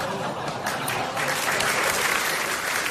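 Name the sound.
audience applause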